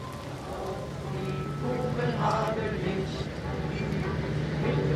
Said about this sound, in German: Jetzt wird eine Stele für die Toten des Lazarettes eingeweiht, während der Regen auf die Schirme prasselt.